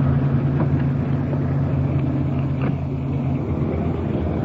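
A car's engine hums low and steady as the vehicle pulls up against the curb, out of the middle of the street, with a continuous rumble and faint road noise throughout and no voices.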